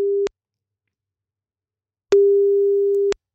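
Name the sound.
telephone ringing tone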